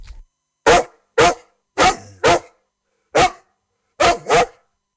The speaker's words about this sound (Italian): A interrompere il flusso dei pensieri, irruppe un inaspettato alleato, un cane randagio che abbaiava in rima.